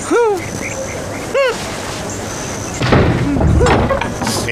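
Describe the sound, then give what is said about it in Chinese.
A door opens with a couple of short, high creaking squeals from its hinges, followed by a louder stretch of rattling and shuffling noise as it swings open. “哼哼，怎么样，开门了吧？”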